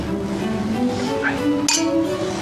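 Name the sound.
glasses clinking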